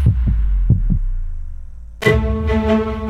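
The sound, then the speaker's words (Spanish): Two pairs of deep, thumping heartbeats pound loud, fading into a low hum before a bright, sustained musical chord swells in, as a La Radio del Sur station ident. “La Radio del Sur, escuchando los latidos de la, patria grande.”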